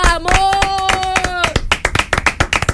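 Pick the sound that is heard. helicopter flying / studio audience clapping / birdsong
studio audience clapping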